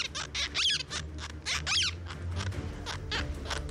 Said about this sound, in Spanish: Aquí en Morolica, en esta casa, hasta el perico está dando el grito al cielo. Mire.